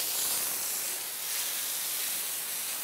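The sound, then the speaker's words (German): A steady, loud hiss of water spraying from a hose as the penguin enclosure in a zoo's Polarium is hosed out, a continuous bright rushing with no pauses and no voices, holding an even level throughout. “Ich spritze jetzt bei den Pinguinen raus, dazwischen, weil die ja doch sehr viel Dreck machen.”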